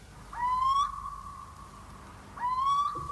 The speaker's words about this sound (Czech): Všude bylo ticho. Jen hlas síčka se ozýval nedaleko z roští.